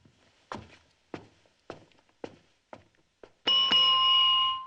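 Several evenly paced footsteps, then a single bright ding from a hotel reception desk bell rung by the receptionist, ringing out clearly and holding its tone to the end.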